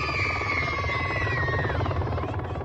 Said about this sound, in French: Au loin, un bruit se fait entendre depuis les airs. Un hélicoptère atterrit spécialement pour les enfants.